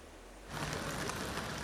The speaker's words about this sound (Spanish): La lluvia, los cielos grises han estado presentes hoy en buena parte de España, desde Logroño hasta Palma, donde, aunque cerrados, los paraguas se han llevado en la mano por si acaso.